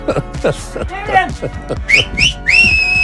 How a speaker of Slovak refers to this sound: Znamená, že toto je polčas. Odpíska to niekto? Samozrejme.